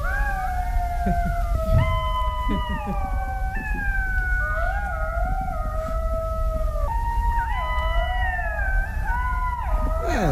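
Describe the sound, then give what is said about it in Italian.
Golden jackals howling in chorus: several wavering, overlapping high-pitched wails that rise and fall continuously for about ten seconds, fairly loud, with no talking. “Allora, prima di iniziare, vorrei farvi ascoltare il verso di uno di questi animali. È il verso immancabile.”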